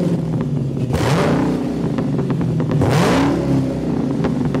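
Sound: car engine revving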